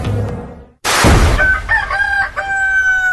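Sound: rooster crowing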